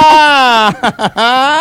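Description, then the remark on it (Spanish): A voice imitates a dolphin with two long, loud, nasal squeals, the second rising in pitch, separated by a few quick chirping bursts. “¡Soy un delfín!”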